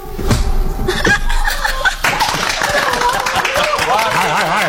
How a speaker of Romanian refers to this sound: Hai, nu mai bateți din palme că s-a terminat. S-a mântuit.